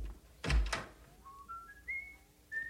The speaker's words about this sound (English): Nice to hear you whistling again. And I'm whistling because I love you.